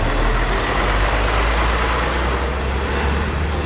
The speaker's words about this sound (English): They all climbed in, the engine roared to life, and soon the little rescue team was bouncing this way and that as the truck made its way along the bumpy road.